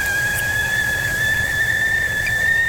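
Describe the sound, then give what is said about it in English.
A whistling kettle lets out one steady, shrill, high-pitched tone that holds at a constant pitch for the whole stretch, over a low rumbling hiss, with no talking. “19 minutes past 10, let's put the kettle on, shall we?”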